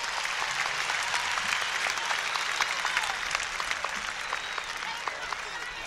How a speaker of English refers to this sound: Let's give ourselves a great round of applause.